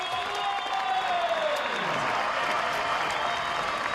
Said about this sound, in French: Évidemment applaudi parce qu'il se relève, mais applaudi parce que c'est un énorme palmarès qui dit au revoir à ces championnats d'Europe aujourd'hui.